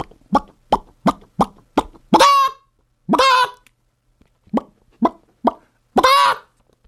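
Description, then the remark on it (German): A person imitates a chicken with short, clipped clucks in quick bursts, broken up by a few longer, drawn-out squawking calls, loud, with no other talking. “Doch, das war ein Huhn.”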